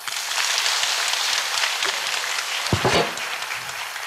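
Sustained audience applause for a young boy after his speech at a Fo Guang Buddhist association event, a dense steady patter of many hands clapping throughout, with a brief lower thump near the end and no talking.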